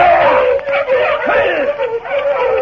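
A pack of sled dogs yips and barks excitedly in a loud, overlapping chorus, with high wavering cries running continuously and no talking.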